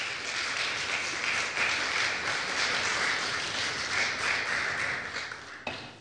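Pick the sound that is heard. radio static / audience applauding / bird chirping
audience applauding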